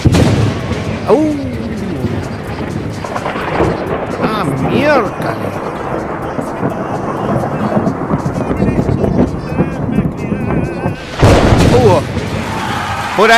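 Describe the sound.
A loud, close thunderclap from a lightning strike cracks and rolls into a heavy rumble, swelling again near the end, while a man speaks briefly over it with a startled exclamation.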